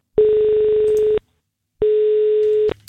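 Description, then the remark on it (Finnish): Two long, steady electronic telephone ringback tones as Radio 957 calls the next contest winner, each about a second long, separated by a short silence. They're loud, with no talking over them. “Nyt on aika soittaa seuraavalle kisavoittajalle.”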